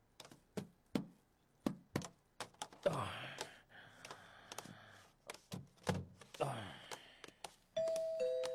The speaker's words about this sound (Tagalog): May nagapang doorbell. Sino ba naman?